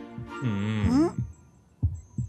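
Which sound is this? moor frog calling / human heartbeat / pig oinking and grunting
human heartbeat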